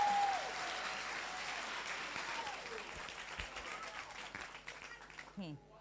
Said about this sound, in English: Please, let's clap for the man from Okofanochi.